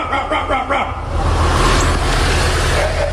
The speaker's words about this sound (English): Just one simple bark into the sewer and... And that, my friend, is not a dog. It's a frog getting it on.